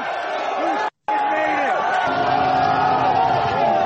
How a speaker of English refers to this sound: Look at how Sean Strickland is mobbed. They're all cheering for him.